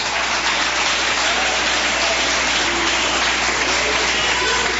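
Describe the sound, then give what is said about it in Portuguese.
A church audience claps to glorify Jesus during a worship service. The applause is a dense, sustained roar, steady and loud throughout, with no clear individual beats and no talking over it. “Se assenta, desocupa as suas mãos e glorifica Jesus com palmas.”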